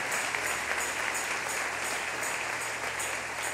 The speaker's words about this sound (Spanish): Denle ese aplauso al Rey si lo siente en su corazón.